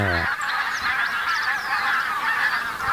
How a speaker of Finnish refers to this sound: Valkoposkia. Siinä on valkoposkihanhia ja tunrahanhia. Mm. Eikä voi sanoa, että on ihan vähän, kun siinä vähän toista tuhatta niitä.